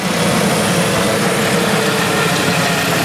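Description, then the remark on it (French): A helicopter roars steadily, its loud engine whine layered over a low, throbbing rotor chop that holds constant throughout, with no voices. It is a rescue helicopter in the mountains at Sixt-Fer-à-Cheval, responding to a canyoning accident in the Vaujale canyon. “Hélicoptères, drones, équipes spécialisées, plan communal de sauvegarde activé à Sixt-Fer à cheval, en réponse au drame survenu hier vers 15h15 dans le canyon de la Vaujale.”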